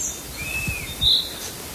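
A chaffinch sings, a few thin, high whistled notes and a brighter chirp over quiet outdoor background, with no voices.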